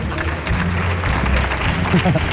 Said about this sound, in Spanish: Hoy nos acompaña un director de cine que nos va a presentar su proyecto de grabar una versión de la película Gris. ¡Fuerte el aplauso para don Pedro Almodóvar! ¡Fuerte el aplauso!